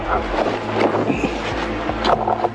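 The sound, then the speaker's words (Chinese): A steady motor hum from a reconnaissance drone circling above a forest drones on throughout, with faint tonal harmonics, partly masked by rustling wind noise on the microphone. Its level swells and eases slightly as it moves nearer and farther, and there is no talking. “就是你在这里可以听到无人机在上空盘旋，它那个马达声忽远忽近的时候就会有一种这个抑制不住的这个紧张感。”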